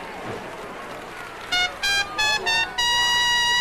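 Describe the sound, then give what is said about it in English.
A bugle plays four short, bright brassy notes in quick succession, then holds a long, loud final note, like a rising call. Faint background noise comes before it. “Didn't know I could play the bugle, did you?”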